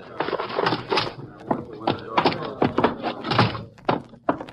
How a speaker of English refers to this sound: I'll get the door for you.